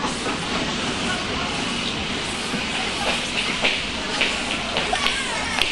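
A train rumbles along steadily with a broad roar as it pulls into a small station, and short hissing and squealing bursts creep in toward the end as it seems to slow.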